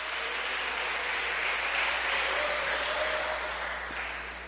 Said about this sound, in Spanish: ¿Cuántos dependen del Dios de los cielos? Dale un aplauso al que vive por los siglos de los siglos.